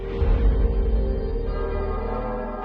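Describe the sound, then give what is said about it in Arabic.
Church bells ring on a Sunday morning in Tripoli, in a steady, sustained wash of overlapping tones over a low background rumble, with no distinct individual strikes and no voices. “صباح نهار كل أحد تقرع أجراس الكنائس، فتجد نسيجاً من الأدعية بألسنة متعددة، ولكن في وحدة حال.”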